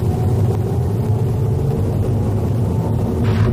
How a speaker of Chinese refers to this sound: 现在我们自驾来体验一下这个智能信号灯。目前我们是由西向东行驶在运河东大街上。可以看到现在呢，前方是绿灯，但是我们前面已经排了不少车了。